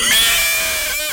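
A single horse neigh, loud, a shrill wavering whinny that slides slightly downward over about a second, with no talking around it.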